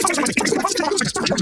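A burst of rapid, chipmunk-like chattering: a spoken advertisement for Superloop internet played at extreme fast-forward speed, dense and continuous for about a second and a half.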